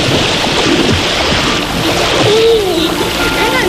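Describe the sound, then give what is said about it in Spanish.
Loud, steady rushing of river water tumbling through the gorge of the Moro river at Viandaria, in the La Vera district, a continuous churning roar with no pauses, and a faint, brief voice-like sound barely surfacing above the flow. “Hoy nos trasladamos hasta la comarca de La Vera, concretamente a Viandaria, su garganta del río Moro.”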